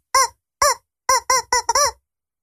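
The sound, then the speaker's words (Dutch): A rubber chicken toy squeaks out a short tune: six loud, nasal honks in an uneven rhythm, the last few quicker and bunched together, with no voices. “Oh, dat is best moeilijk op die kip.”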